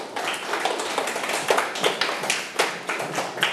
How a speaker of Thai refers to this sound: ปรบมือให้ตัวเองหน่อยครับ